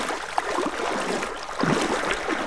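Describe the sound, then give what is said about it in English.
Flowing water of the Virgin River rushes and splashes steadily as the river is crossed along a desert route, with a surge of louder sloshing partway through as if wading across; no voices. “then across the Virgin River itself.”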